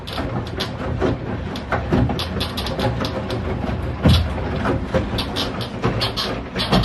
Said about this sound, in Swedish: Och för alla tvättmaskinsmontörer där ute, jag ska visa åt er nu hur min tvättmaskin låter när den tvättar. Så här låter den.